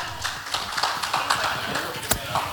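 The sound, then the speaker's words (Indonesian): A crowd applauds three delegates, with dense, irregular clapping that holds at a steady, moderate loudness throughout and a few sharper claps standing out from the rest. “Kita berikan tepuk tangan untuk tiga delegasi kita.”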